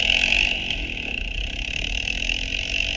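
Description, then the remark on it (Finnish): The small engine of an ATV or moped that someone has jumped onto runs steadily, with a rough low rumble and a persistent high whine lasting throughout, no voices. “Tässä on keskustelua ja nyt Andre hyppää jonkun ajoneuvon mönkiä mopon kyytiin.”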